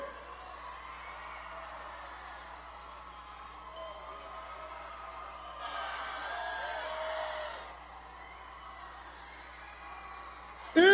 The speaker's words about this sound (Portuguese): A gente só vai cantar mais 20 minutos se a galera ficar gritando bem alto, é verdade? É verdade? Cadê? Não tô ouvindo, cadê?